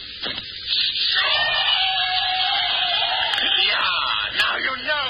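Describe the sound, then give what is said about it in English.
Several people scream and yell at once, a loud, continuous chorus of high, strained voices that rises and wavers for about five seconds without a break. “You will hear them scream.”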